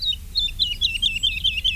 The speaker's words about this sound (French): De loin, on a entendu l'alouette Lulu.